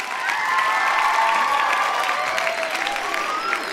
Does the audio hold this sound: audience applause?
yes